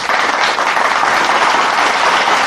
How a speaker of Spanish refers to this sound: Agradecemos a la doctora Lucy Serrano por esta maravillosa plática, y creo que se merece un fuerte aplauso, ¿verdad?